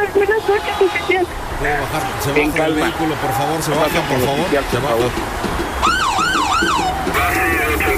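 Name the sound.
police car siren arriving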